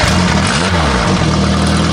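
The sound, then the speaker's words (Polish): A small motorbike engine runs loud, its buzzing pitch swinging up in a quick rev and dropping back before settling into a steady, rough idle. “Motorek!”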